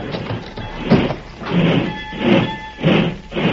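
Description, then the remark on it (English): At night, the heavy sliding door of a boxcar filled with ranchers is pulled shut with a grinding rumble and faint metallic squeal. It moves in several scraping surges and is fairly loud. “Better pull the door”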